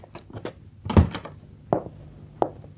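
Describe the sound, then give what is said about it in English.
A hotel room door is pushed shut with a heavy wooden thud, preceded by soft handling rattles and followed by two sharper clicks, like the latch catching, amid otherwise quiet. “Please come in. Close the door.”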